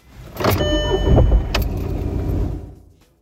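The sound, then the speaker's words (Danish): A silver-grey car from 2004 cranks with a whining starter, then its engine catches and rumbles loudly before settling and fading, all over about three seconds with no one talking. “Der er også lyden af, hvordan det lyder, når motoren starter.”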